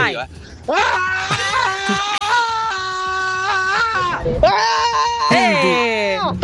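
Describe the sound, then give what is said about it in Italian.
A person screams loudly in two long, wavering bursts with a brief break between them, while a faint low rhythmic beat runs underneath. “noi non urliamo per scaricare tensione”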